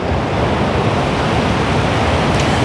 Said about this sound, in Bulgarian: Здравейте от плаж Хармани в Созопол. Искам да ви покажа днес колко е бурно морето. Погледнете как е издълбан брега. Морето през тези дни е много опасно.